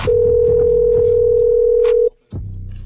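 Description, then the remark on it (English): A steady telephone dial tone hums loudly and continuously for about two seconds as a call is placed, then cuts off abruptly, leaving a brief silence before faint background sounds resume. “I got to get her on the phone and see what was on her mind for real.”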